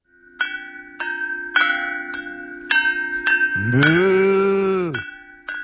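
A cow lets out a single long, loud moo lasting about a second and a half, preceded and followed by a series of sharp, ringing cowbell clanks.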